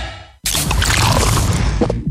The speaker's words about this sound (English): That is the sound of the new 500ml Castle Lite can.